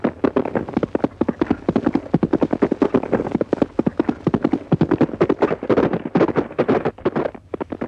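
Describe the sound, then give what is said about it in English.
A horse gallops steadily on a track during a trial gallop, hooves pounding in a fast, continuous drumming rhythm that stays loud for several seconds, with faint wind noise underneath. “That horse is almost human. Knows everything you say, even on a trial gallop.”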